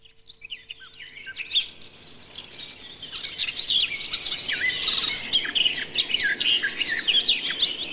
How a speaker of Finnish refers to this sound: Tällä kertaa viikon luontoääni on lehtokerttu